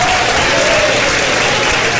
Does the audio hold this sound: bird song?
no